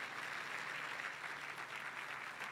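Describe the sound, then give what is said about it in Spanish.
An audience applauds in a steady, dense wash of many hands clapping together, sustained at an even level for a few seconds with no voices standing out. “Alguien tiene que aplaudir más que eso, Señor.”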